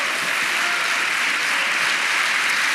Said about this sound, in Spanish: Hermano, dele un aplauso al Señor.